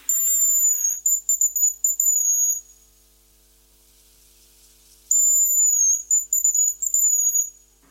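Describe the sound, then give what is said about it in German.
Hazel grouse calling: two very high, thin whistled phrases separated by a silent pause. Each begins with a drawn-out piercing note and trails into shorter, stuttering trills, with no voices present. “Das ist das Haselhuhn.”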